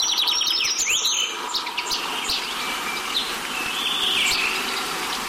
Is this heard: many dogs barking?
no